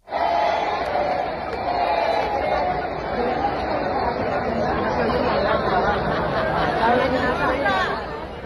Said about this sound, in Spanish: Este es el ambiente del concierto del viernes. El público gritaba que no se oye.